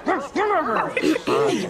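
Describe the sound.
A person imitates a dog's barking, letting out about four short, loud, rough yelps in quick succession with brief gaps between them.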